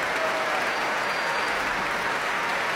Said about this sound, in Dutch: En dit applaus is voor Ad Willeman, Raymond Rook en Johan Verheij, de trompetisten van het Radio Philharmonisch Orkest. Dit applaus is voor paukenist Paul Jussen.